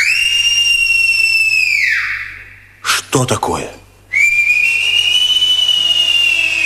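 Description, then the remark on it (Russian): Whistling by robbers, not birds: a sustained, high, bright whistle with harmonics holds steady, slides downward and fades, then a short spoken exclamation breaks in before another long high whistle returns and continues. “Это совсем не птицы.”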